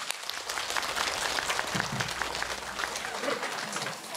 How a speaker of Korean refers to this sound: 한광 순직자 위령 영산제를 천상의 범패 소리로 장엄해 주신 어산단 스님들께 큰 박수를 부탁드리겠습니다.